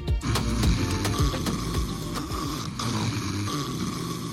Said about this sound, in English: Is this how you sound when you are asleep? Snoring is not just noise. It could be sleep apnea, a dangerous condition where your body stops breathing and your brain and heart are being deprived of oxygen night after night.